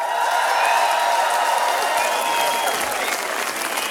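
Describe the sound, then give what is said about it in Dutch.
Sustained crowd applause for a band after their performance, dense and steady for the full four seconds, a loud wash of many hands clapping with faint cheering mixed in. “Geef dat zo'n één groot applaus.”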